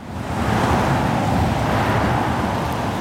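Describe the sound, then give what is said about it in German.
Steady roar of cars driving without pause through the Stahnsdorf-Waldschenke roundabout in the Potsdam-Mittelmark district, next to a bus station, a continuous wash of engine and tyre noise with no gaps and no voices. “Der Kreisverkehr Stahnsdorf-Waldschenke. Ohne Pause fahren Autos hier entlang.”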